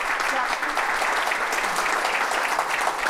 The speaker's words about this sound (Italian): quindi insomma, quindi doppio applauso per te.